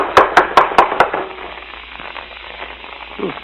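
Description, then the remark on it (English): Five quick, evenly spaced raps on the wooden front door of a house with a porch, sharp and fairly loud, then a stretch of quiet background hiss with a faint low sound near the end. “It'll knock the door off its hinges.”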